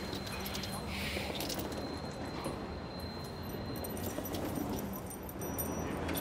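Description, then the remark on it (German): Keys jingle in short metallic rattles as a person's own key is handed over as a small gift, set against a busy, noisy background with voices around. “Kleines Geschenk. Dein eigener Schlüssel.”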